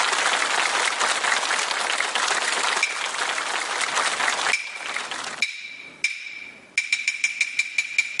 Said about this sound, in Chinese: 为大家献上这段精彩的演唱，掌声有请。